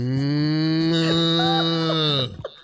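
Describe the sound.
A person imitates a cow with one long, deep, droning low held for about two seconds, loud, then cut off abruptly with a few small trailing breaths.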